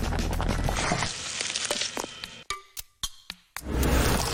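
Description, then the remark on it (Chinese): A pot of pork bone broth with large chunks of pork belly simmers as the base for a Northeast Chinese sauerkraut hotpot, with a dense, bubbling hiss and crackle, broken midway by a few sharp clinks and brief pauses before the steady bubbling returns, fairly loud. “这锅汤将为全套火锅流程提供基调，搭配猪大骨熬煮两个小时以上，肉香和油脂开始溶于汤底，再持续炖煮一天，这是不断提升内在美的手段。”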